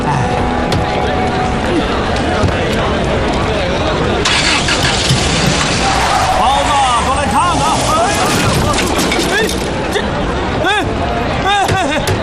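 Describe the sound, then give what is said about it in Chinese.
A car engine starts up and revs as the vehicle pulls away, loud, with a crowd of voices chattering over the engine noise throughout. “你怎么开的车啊，老总？”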